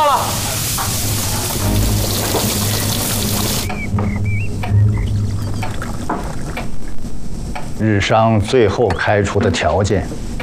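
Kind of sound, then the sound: food or drink, stir-frying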